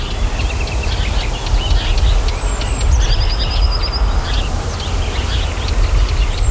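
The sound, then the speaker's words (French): Several birds chirp and trill outdoors in the early morning, with a repeated buzzing trill partway through, all over a steady low rumble of wind or traffic. “Il n'y a presque aucun bruit, sauf celui des oiseaux.”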